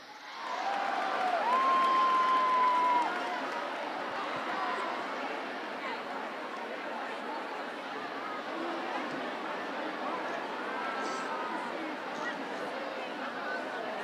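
An audience at the 105 Summer Festival stage in Ferrara applauds and cheers a singer-songwriter coming on to perform, in a steady wash of clapping and crowd noise that is loudest for the first few seconds, with a brief high whistle near the start, then holds on evenly.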